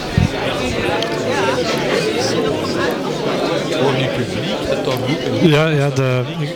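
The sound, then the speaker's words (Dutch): A steady hubbub of many overlapping voices, audience chatter as a crowd files into a concert venue while the musicians stand on stage about to begin, with indistinct talk and a louder voice rising near the end. “Het publiek stroomt er binnen en de muzikanten staan nu op het podium, dus die gaan zo dadelijk beginnen.”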